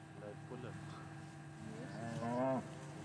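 Brown Swiss cows moo on a pasture: a couple of short, lower calls early on, then one loud, drawn-out moo near the end, over a steady low background rumble.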